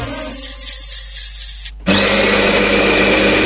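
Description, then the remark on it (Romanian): A coffee grinder whirs with a steady motor hum, then bursts into loud, dense grinding of specialty coffee beans, freshly ground, from Moore's Coffee Roastery in Iași, continuing unbroken to the end. No voices. “Mirosul ăla de cafea proaspăt măcinată, îl simți?”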